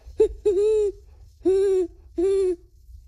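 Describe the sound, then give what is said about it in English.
A 12-year-old boy imitates a great horned owl, giving a short opening note followed by three deep, steady hoots at an even pace, clear with no other sounds. “Great horned owl.”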